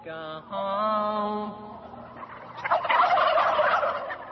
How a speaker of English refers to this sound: So he's actually playing a song, you know, sitting in a pen with 400 turkeys, which are all gobbling and stuff like that, while he plays this one folk song.